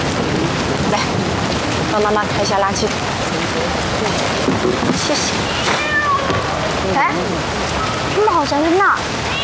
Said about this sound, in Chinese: 哎，猫好像在那儿，你看， 我们去看看。 我还听到猫叫了， 是吗？ 嗯。 哇，真的在这儿！